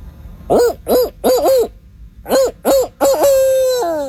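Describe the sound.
A man imitates a barred owl's call, about 15 seconds long: two rhythmic phrases of clear, rising-and-falling hoots, the second ending in a long, drawn-out descending hoot. No speech accompanies it.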